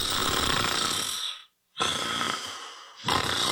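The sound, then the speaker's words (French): Loud, raspy snoring from a sleeping person, two long rattling breaths separated by a brief silence, with another beginning at the end. No one speaks. “Hey, réveille-toi, tu ronfles encore!”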